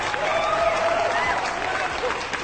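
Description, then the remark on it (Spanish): A crowd breaks into steady, dense applause for construction workers, many hands clapping together at an even level throughout, with faint voices mixed into the noise. “Y un aplauso para ustedes.”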